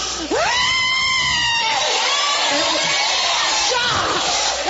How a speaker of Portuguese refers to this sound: Pode gritar queima, igreja.